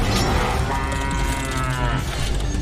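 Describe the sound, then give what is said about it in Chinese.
A cow lets out one long, loud moo with a deep, buzzing tone that holds steady for a couple of seconds, with no voices around it. “牛，请准备。”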